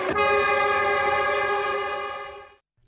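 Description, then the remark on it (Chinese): A train, travelling to Guizhou, China, sounds a single long, steady, loud horn blast, holding for over two seconds before cutting off abruptly into near silence. “刘家母子当即动身搭乘火车赶赴贵州。”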